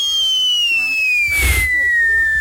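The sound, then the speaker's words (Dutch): A man's voice mimics a firework rocket launching: a long, thin whistle that slowly glides downward in pitch, with a brief breathy burst in the middle, fairly loud. “als klap op de vuurpijl, kun je ook nog vuurwerk nadoen? Ook. Vuurwerk. Hij kan vuurwerk nadoen. Ja, wat voor vuurpijl steken we hier af”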